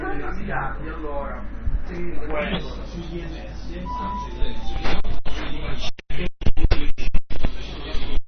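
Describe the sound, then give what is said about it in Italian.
Sound heard through a Bic pen cap: muffled, hollow-sounding voices with a thin, resonant coloring, steady at first, then breaking into choppy dropouts and crackles toward the end. “State ascoltando attraverso il tappo di una penna Bic.”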